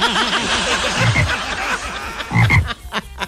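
A frog croaks in loud, rapid, throaty pulses, with two stronger bursts of croaking standing out near the middle and end of the short recording.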